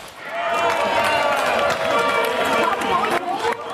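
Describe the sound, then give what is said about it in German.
Sustained brassy hunting horn tones blare over a noisy outdoor crowd, sending runners off at 9 o'clock at the start of the Harzgebirgslauf marathon to the Brocken summit in the Harz, Germany, in good running weather; the notes hold steady and loud for several seconds amid general bustle and murmuring. “Mit Jagdhornklängen werden die Läufer auf die Strecke geschickt.”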